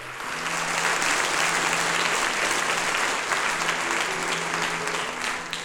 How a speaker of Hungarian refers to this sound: Ez a taps természetesen nem csak a tisztelet, hanem a szeretetnek is a jele.